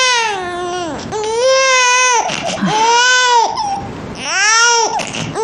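A baby wails loudly and continuously in long, strained bursts separated by brief gasping breaths, intense, with no talking.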